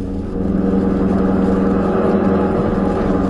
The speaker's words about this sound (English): now fleeing in black Buick sedan along road to Tunica.